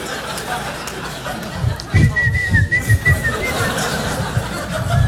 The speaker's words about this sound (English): Is he like, no, I gotta whistle, dude. I gotta go somewhere and whistle right now. I haven't whistled in like 10 minutes. It's killing me.